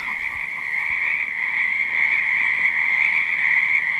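A steady chorus of frogs croaking continuously, a dense trilling drone that stays loud and even throughout, with no voices present.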